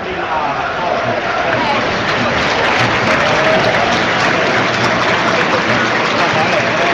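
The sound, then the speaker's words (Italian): A large football stadium crowd applauds steadily during a match against Udinese, a dense, continuous wash of clapping that stays loud and even throughout, with a faint murmur of voices blended underneath. “L'applauso dello stadio forse per... il saluto ai tifosi dell'Udinese, a quanto pare per un gemellaggio tra le due tifoserie.”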